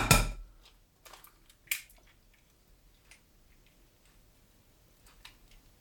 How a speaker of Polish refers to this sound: tak żeby to jajko po prostu mi pękło